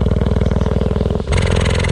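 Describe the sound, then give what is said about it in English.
A female cheetah, recorded with a microphone lowered to within about 3 yards of her, purrs loudly in a steady, rapidly pulsing low rumble, almost engine-like, with the tone shifting brighter midway as the breath changes direction. No voices. “I slowly started to drop the microphone down vertically, and when it got within about, well, 3 yards of this cheetah, I could see her chest rising and falling, but I could also hear she was purring just the same as any cat. Just purring away.”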